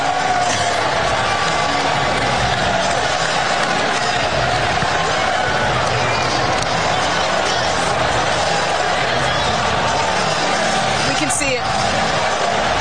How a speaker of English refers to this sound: That long break, you can hear the Knicks fans, and there were a ton of them in the building, by the way, cheering in the background.